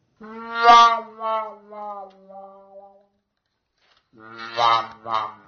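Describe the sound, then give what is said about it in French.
A trumpet fitted with a wah-wah mute plays two short wah-wah phrases with bending, wailing notes that droop downward like a sad sigh, a brief pause between them, fairly loud. “Cette sourdine qui fait wah-wah s'appelle donc la sourdine wah-wah.”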